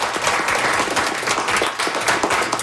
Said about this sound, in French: Alors, moi, j'aimerais que le groupe ici, on applaudisse très fort les deux très bonnes questions